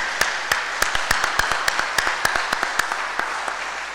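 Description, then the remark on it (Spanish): An audience applauds church members during a church service, a steady wash of hand-clapping with sharp, distinct claps popping out roughly every few tenths of a second, moderately loud and with no talking over it. “Un aplauso a nuestros hermanos.”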